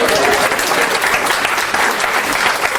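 A crowd claps steadily throughout, a dense, loud wash of many hands with no clear pauses or individual claps standing out, and no voices heard over it.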